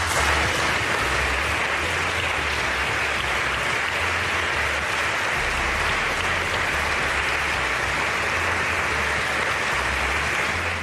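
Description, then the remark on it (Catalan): Sustained applause from a large crowd after Madrid president Isabel Díaz Ayuso speaks of organising the Spanish Formula 1 Grand Prix in Madrid, a dense, steady wash of clapping that holds at an even, fairly loud level for about eleven seconds with no voices standing out. “Molts aplaudiments.”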